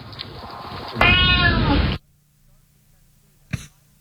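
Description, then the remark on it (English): A single loud, drawn-out cat meow lasting about a second rises out of a noisy background, followed by near silence and a brief sharp noise. “Yeah, I love cats too. It's amazing what a good cat will get you to do.”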